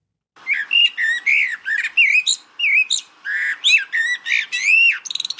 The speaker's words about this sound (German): Finde ich sehr lustig, dass ihr die Amsel jetzt eher als schrill gehört habt, weil ich, für mich ist die Amsel so der perfekte Wohlfühlton. Ich muss mal die Amsel, hören wir uns die Amsel nochmal an, den Platz 1.